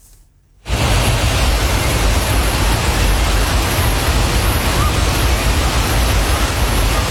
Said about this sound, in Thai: เกิดเหตุน้ำป่าหลากลงมาที่น้ำตกแม่สาในอำเภอแม่ริมจังหวัดเชียงใหม่นะคะปรากฏว่านักท่องเที่ยวติดค้างอยู่บริเวณโขดหินอยู่กลางน้ำตกเลยค่ะเพราะว่าขึ้นฝั่งไม่ทันและมีบางคนถูกน้ำพัดไปด้วย